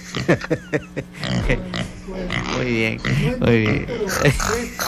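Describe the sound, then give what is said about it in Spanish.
A voice imitates a pig, with loud grunts and wavering oinks and squeals repeating over a few seconds, mixed in with animated talking. “Oye, se está relinchando, no le digas eso.”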